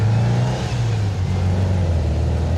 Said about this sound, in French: Tout le capitonnage. Ouais, en fait, donc on a pas la sonorisation du tout. Voilà. Et je peux vous dire que c'est vrai qu'on a beaucoup de son dans la voiture.